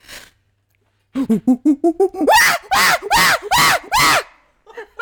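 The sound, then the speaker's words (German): A person imitates a chimpanzee call: a run of quick, rising hoots that build into several loud, shrill screeching whoops, followed by a short fading tail. “Es ist aber kein Affe. Ich muss dich korrigieren. Es ist ein Schimpanse.”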